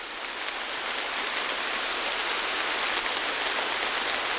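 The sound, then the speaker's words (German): Heavy rain pours down steadily in the once-daily downpour, a dense, even hiss of countless drops striking surfaces, loud and unbroken with no voices. “Wir treten in den Regen, der sich wie immer einmal am Tag wie aus Kübeln über uns ergießt.”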